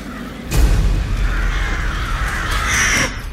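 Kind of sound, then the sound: bird, flock of crows cawing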